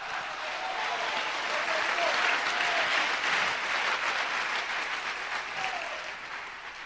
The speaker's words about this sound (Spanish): Un aplauso fuerte.